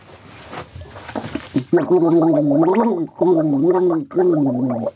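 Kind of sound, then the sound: human body sound, gargling water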